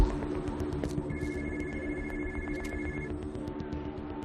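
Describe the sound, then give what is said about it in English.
A phone ditched under a truck rings with a steady electronic tone for a couple of seconds, partly buried under a loud, rumbling engine drone, with no talking. “She ditched the phone under the truck.”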